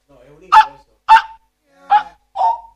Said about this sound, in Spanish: No, digo, ¿por qué ladran? Es un hipo, sé que es un hipo, pero parece un ladrido. Parece que pisaron un caniche toy.